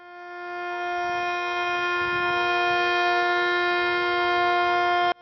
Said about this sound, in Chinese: 9:18，沈阳全城拉响3分钟防空警报，警报声划破长空，过往车辆停驶并鸣笛，火车及轮船拉响汽笛3分钟。